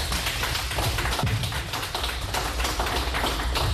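Steady audience applause for a panel at an event, a dense wash of many hands clapping at once, loud and sustained for several seconds without any voices over it.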